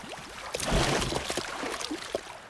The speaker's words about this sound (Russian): Добежав до берега моря, широко размахнувшись, избушка на курьих ножках бросает бочку далеко в воду.